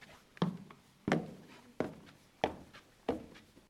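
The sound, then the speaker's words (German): Footsteps climbing a staircase to an upper floor in a building with bookshelves: five heavy, evenly spaced thuds at a steady walking pace, fairly loud, with no voices. “Oh, ich sehe gerade, hier geht noch eine Treppe hoch.”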